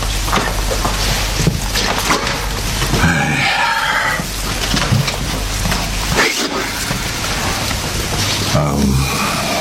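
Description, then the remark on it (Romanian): Steady, dense rain hisses continuously throughout, loud, with people talking over the downpour at moments. “Pe ploaia asta?”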